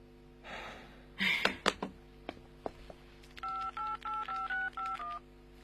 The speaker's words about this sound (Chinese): 三分钟之内已经有人第二次挂断电话了。